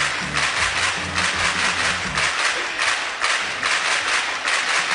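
Applause in a studio: a dense, steady wash of clapping that holds an even loudness for the whole five seconds, with a faint low tonal hum underneath during the first half.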